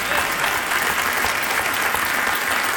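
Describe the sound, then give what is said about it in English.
Steady, dense applause from a large audience, many hands clapping continuously at an even loudness with no pauses, heard on its own without any talking, in response to a speaker noting the president acknowledged there are only two sexes. “We applaud, but in all reality, folks, this is not a dramatic announcement.”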